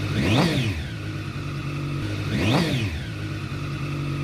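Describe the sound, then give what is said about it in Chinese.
The engine of a parked bright red Zhang Xue 82022 champion-model motorcycle revs sharply twice at night on a street in Bali District, New Taipei City, Taiwan, during a static engine sound display, its pitch climbing and dropping each time, with a steady, loud idle rumbling between the bursts. “当晚，这台张雪82022的亮相并静态展示引擎声浪时，也引来警方的关注。”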